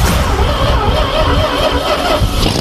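A small Fiat 500 car engine idles with a loud, steady low rumble and rattling mechanical chatter, holding an even level throughout with no voices.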